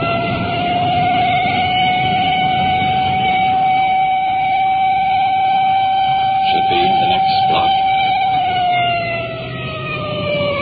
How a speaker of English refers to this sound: that siren hit such a high peak it's almost impossible to talk.